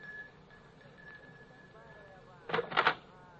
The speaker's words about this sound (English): It's this door here. Just ring the bell.